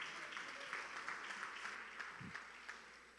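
An audience applauds the Lord steadily, many hands clapping in a dense, even wash of sound that holds for several seconds and eases slightly toward the end, with no talking over it.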